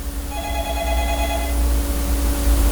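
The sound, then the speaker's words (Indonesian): A telephone rings with a bright electronic tone for about a second as an incoming call is about to be answered, then stops, leaving a steady low hum and background noise with no talking. “Ada di ujung telpon sudah saya. Baik, kita lihat dulu nih. Oke, sepertinya kita terima.”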